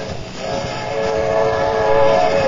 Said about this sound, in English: Now I'll drive across the tracks. Now be careful, Colonna. There's a train coming.